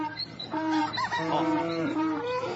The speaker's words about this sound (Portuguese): Solta a bicharada pra acordar os ouvintes e cuidar da lida.